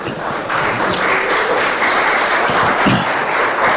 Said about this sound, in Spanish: ¿Cuántos dicen gloria a Dios? Le podemos dar un fuerte aplauso al Señor.